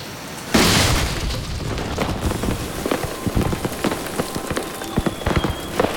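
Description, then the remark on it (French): A seed cannon fires with a sudden, loud boom, followed by a sustained rushing, crackling rumble scattered with sharp pops and thuds. No one speaks. “J'ai assez de connaissances pour charger le canon à graines maintenant.”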